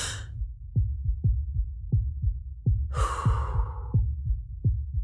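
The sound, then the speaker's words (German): Muffled heartbeat heard through a stethoscope as a doctor listens to a patient's heart while the patient breathes deeply, low thumps in an uneven rhythm, with a loud breath rushing over the beats midway. “Der Herzschlag hört sich unregelmäßig an.”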